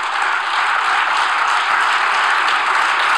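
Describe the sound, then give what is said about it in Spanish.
A crowd applauds steadily and loudly for a few seconds after an announcement that export duties on wheat and barley will be cut, a dense wash of many hands clapping at once with no voices standing out. “Bueno, ahí lo aplauden todo, ¿no?”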